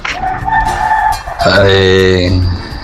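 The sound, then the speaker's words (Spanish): A chicken clucks in the background at a rural home among land parcels, giving a couple of drawn-out, tonal calls with a short pause between them. A voice or other sounds may be mixed in faintly. “Ya no escuchará por ahí de fondo a la gallina.”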